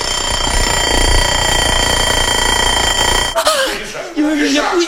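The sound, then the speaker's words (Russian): A mechanical alarm clock rings loudly and steadily for about three seconds, then cuts off abruptly as a voice starts talking. “Это я завел будильник, и я есть хочу.”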